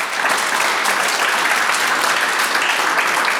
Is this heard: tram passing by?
no